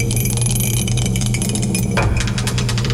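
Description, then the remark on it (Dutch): A die is rolled in a game, clattering and tumbling across a surface and landing on 3, its knocks smeared by a heavy reverb tail, over a steady low droning bed of sound; no one speaks. “De dobbelsteen erbij. Ik zet de galm weer aan.”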